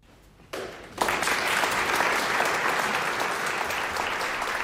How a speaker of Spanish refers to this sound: Pues por fin hemos escuchado aplausos. Como os decíamos al inicio del concierto, no era una interpretación de estudio, sino una interpretación cálida.